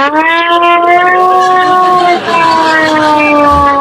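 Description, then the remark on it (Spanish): A hand-cranked mechanical air-raid siren with nothing electronic in it wails loudly in one sustained, harmonic-rich tone. The pitch sags slightly midway, then holds steady before easing lower toward the end. “Tengo la sirena esta que realmente no tiene nada electrónico, pero fijaros cómo de pronto dice, cuidado.”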